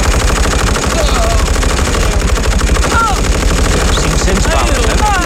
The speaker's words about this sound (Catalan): Els alemanys, que encara no creuen el que veuen els seus ulls, preparen les seves metralladores i obren foc.